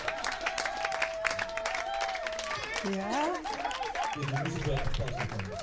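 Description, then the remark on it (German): A steady wash of applause from a crowd, a big round of applause for the Rote Nasen clown troupe, keeps going for several seconds, with excited voices, whoops, and shouts rising over the clapping. “Riesenapplaus für die Roten Nasen.”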